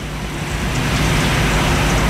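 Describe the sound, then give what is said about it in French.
Steady, dense hiss of rain falling, fairly loud, with a low rumble underneath that could be passing traffic. No one speaks. “Il pleut.”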